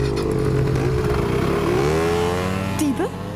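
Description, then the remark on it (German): Motor scooter engines rev loudly, their buzzing whine rising and sweeping in pitch as people hurry onto the scooters and drive off. “Auf die Roller, beeilt euch.”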